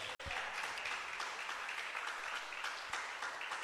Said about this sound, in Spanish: ¿Cuántos bendicen a Dios? Dele un aplauso al Señor si puede.